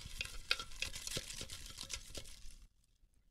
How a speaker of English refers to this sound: All right, they are all crumbled up into little balls in the bowl. Little tiny pieces of paper. Let's mix them up.